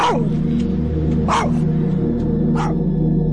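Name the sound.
dog barking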